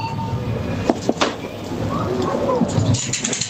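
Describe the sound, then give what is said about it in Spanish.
A food and soft-drink vending machine being fed coins: a few sharp clicks as a product is selected, then light metallic clinks and rattles of coins over a steady, noisy background hum. “Una máquina de dispensar, sí, de alimentos, vending, ¿no? Refrescos, de vending. Echas pero con monedas.”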